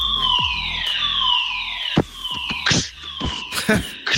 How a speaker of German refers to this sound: Gestern hatten wir einen Probefeueralarm. So klang das dann.